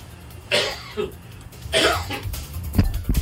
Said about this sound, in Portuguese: Quando eu passo o dia tossindo, tossi. Quando eu chego aqui, começo a tossir aqui. Acho que é o ar, né? É por causa do ar condicionado.